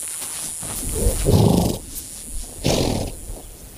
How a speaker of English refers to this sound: Bands of wild horses, Mustang, are converging on one of the last remaining waterholes around.